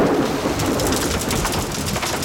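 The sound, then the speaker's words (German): Steady, loud rain of a summer thunderstorm hisses continuously throughout, with a low rumbling undertone like thunder and faint bird calls mixed in; no one speaks. “Gewitter und Regen.”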